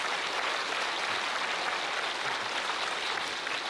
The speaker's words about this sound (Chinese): 谢谢， 谢谢您， 谢谢您的掌声，哎，谢谢您的掌声，谢谢您的掌声。